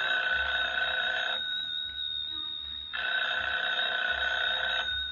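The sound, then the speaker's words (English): A telephone rings in two long bursts with a pause between them, a bright, steady electric bell tone sounding alone with no voices. “Should I answer it? Answer it. Hold the receiver up, that's right.”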